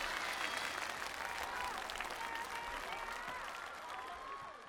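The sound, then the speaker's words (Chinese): A crowd applauds three people with steady, dense clapping that holds strong throughout, tapering slightly at the end, with faint voices mixed underneath. “来，掌声给他们三位，请回到舞者大厅。”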